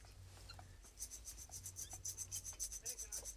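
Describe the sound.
An imitated rattlesnake rattle made for a sound-guessing game: a fast, steady series of dry, hissy rasping pulses that starts after a brief quiet moment and continues fairly loud to the end, with no talking.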